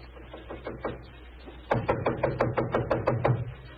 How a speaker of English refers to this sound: It gave me a strange feeling as I raised my hand to knock on what once had been my own living room door.